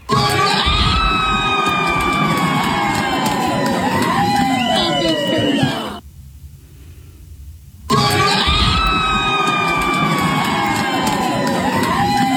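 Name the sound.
crowd cheering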